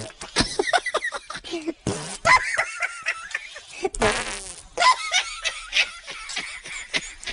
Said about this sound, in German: Die Hefen und die Bakterien essen den Zucker, der im Mehl ist, und verdauen ihn. Dabei pupsen sie ein Gas aus, CO2.